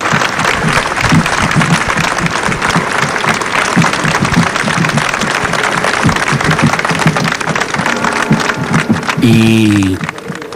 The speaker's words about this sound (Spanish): también a escuchar quizá uno de los momentos también más llamativos de este cortejo, breve pero muy intenso, cuando toda la plaza del Cardenal Belluga ha irrumpido ante el paso de la familia de José Ballesta en un sonoro aplauso.